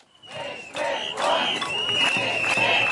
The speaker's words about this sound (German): Nicht mit uns, rufen einige hundert Kita-Erzieherinnen und Eltern auf dem Alten Markt in Potsdam, als CDU-Bildungsminister Hoffmann den Kern des Gesetzes zu erklären versucht.